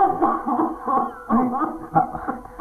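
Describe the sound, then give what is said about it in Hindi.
A run of harsh, voiced coughing fits from a person ill with tuberculosis, several rough bursts in quick succession, strained and throaty, with the loudest hacks coming in the second half. “आपको तो बहुत तेज खांसी हो रही है”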